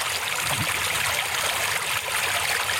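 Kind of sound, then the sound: nature, river flowing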